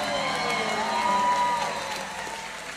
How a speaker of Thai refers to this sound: ขอบคุณมากครับ ขอบคุณมากครับอาจารย์ขอเสียงตบมือให้อาจารย์